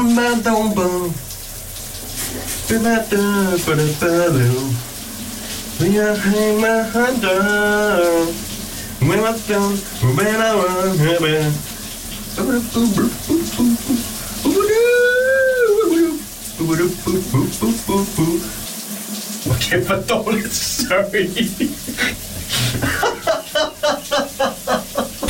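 A man sings loudly in the morning in a reverberant bathroom, his wavering melodic phrases carried over a steady hiss of running water from a shower throughout.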